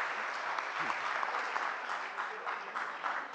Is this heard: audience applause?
yes